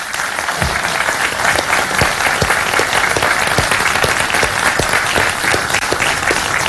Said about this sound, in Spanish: Y por eso también quiero darle las gracias a todos los trabajadores y trabajadoras del Gobierno Regional de Valparaíso, para quienes pido un cariñoso aplauso también.